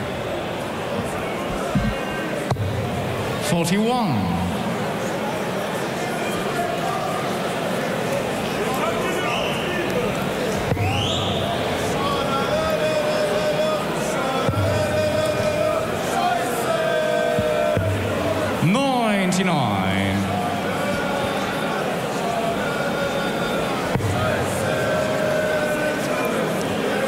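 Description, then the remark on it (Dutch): A large crowd at a darts match keeps up a steady roar, cut through by shrill rising and falling whistles aimed at a player, sounding out several times, with voices chattering throughout. “Ik heb het idee dat Zonneveld totaal die fluiten gewoon negeert en lekker zijn ding blijft doen”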